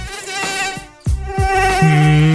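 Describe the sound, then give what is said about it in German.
A mosquito's thin, high-pitched whine in a bedroom at night in the Munich region, swelling and fading as it circles, with a brief drop-out midway before the buzzing returns steady and loud. “Ja, die Mücken haben gerade Hochsaison in den Schlafzimmern in München und der Region.”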